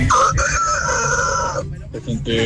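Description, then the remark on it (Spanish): A person imitates a rooster's crow at 7:40 in the morning in Mexico: one loud, drawn-out cock-a-doodle-doo lasting over a second, followed by a brief pause and the start of another sound. “¡Kikiriki!”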